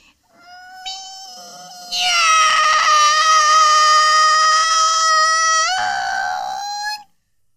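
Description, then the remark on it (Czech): A human voice imitates a cat with a single long, drawn-out meow that starts soft, swells into a loud, strained wail, then dips and trails off at the end. “Tak, kolínka pokrčená a už mňoukám.”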